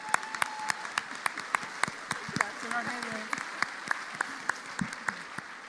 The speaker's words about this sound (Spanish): Un aplauso al Señor otra vez.